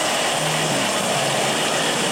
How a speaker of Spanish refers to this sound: Mira cómo está el aguacero. Mira. Ahí están las manitas. Ya tengo 2 horas con ese chorreadero, mira.